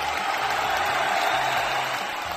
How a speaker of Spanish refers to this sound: y eso es gracias a ustedes, así que fuerte el aplauso a todos los oyentes que están del otro lado. ¡Bravo, bravo, bravo!